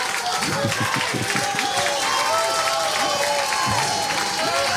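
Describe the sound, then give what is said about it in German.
A crowd applauds steadily and loudly throughout, dense clapping mixed with scattered cheers and shouting voices rising and falling over it. “Und das ist auch einen Applaus wert, meine Damen und Herren.”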